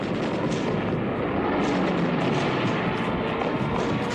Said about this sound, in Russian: На позиции заходят 6 самолетов.